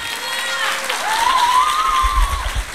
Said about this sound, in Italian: Grazie. Un grandissimo applauso.